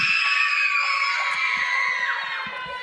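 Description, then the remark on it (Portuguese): A large group of students from the Escola Terezinha shout their school cheer together, a loud, continuous wall of high-pitched voices that holds steady for about three seconds with no individual speech standing out. “E cadê o grito da Escola Terezinha?”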